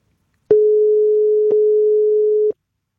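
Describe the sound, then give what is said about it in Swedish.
A telephone busy signal on a call to a contest finalist's phone: a steady, fairly loud electronic tone held for about two seconds, with faint clicks at its start, middle and end, and no voices. “Alltså man kan ju vara upptagen och inte kunna svara i telefon.”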